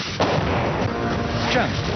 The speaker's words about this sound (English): And when the enemy hears the Apache's 30mm, things tend to get quiet quickly. So it is a warfighting machine, and it is there for the soldiers.